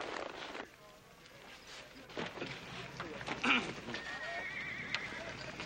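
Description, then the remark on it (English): A horse gives a short whinny partway through while hooves clop and shuffle, with muffled voices and outdoor bustle underneath. “Well, I've accidentally managed to break a horse or two in my day.”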